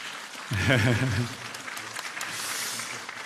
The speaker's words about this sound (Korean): 예, 예 여기 계신 우리 박수 한번 좀 보내주십시오.